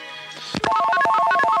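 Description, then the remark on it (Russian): A telephone line rings loudly at the Echo of Moscow radio station for a listener call to a live broadcast, a rapid warbling electronic trill of alternating tones that starts abruptly after a brief faint hum and continues steadily with no voices. “Саш, телефон.”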